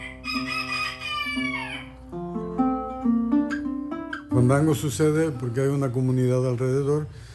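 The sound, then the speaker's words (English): On a sweltering afternoon in a workshop, a man serenades a young rooster on a jarana he built himself: the rooster clucks and calls, its cries rising over bright plucked strings, then strumming and a singing voice join in loudly for the last few seconds. “On a sweltering afternoon in his workshop, he serenades an adolescent rooster on a jarana he built himself.”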